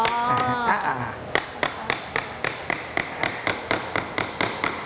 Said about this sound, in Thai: ตัวกลางเราก็ระวังนิดนึงเพราะว่าบ่าไม้มันบางใช้ค้อนทุบด้านบนเลยครับ